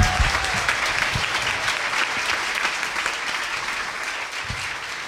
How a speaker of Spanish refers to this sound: Ahora sí, el Señor se merece un aplauso muy, muy grande, ¿cierto? ¡Fuerte, fuerte!